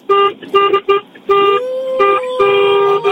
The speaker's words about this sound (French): Remettez-moi un petit coup de klaxon là. Encore.